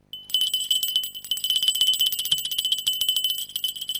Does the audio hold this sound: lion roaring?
no